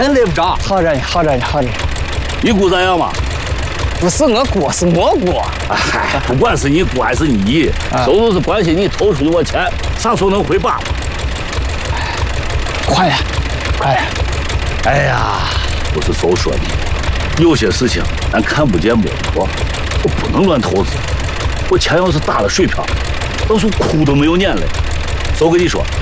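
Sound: tractor engine running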